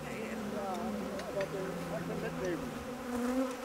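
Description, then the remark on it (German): A dense, steady drone of many honeybees buzzing around an opened hive of a split colony as a little smoke is puffed on top, with individual wingbeats weaving and shifting in pitch as bees fly past, while a person talks quietly underneath. “Das ist der Ableger und die sind irgendwie ein bisschen wilder als die anderen. Aber da ein bisschen Rauch oben rauf, klein bisschen.”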